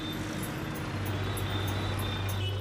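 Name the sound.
busy city street traffic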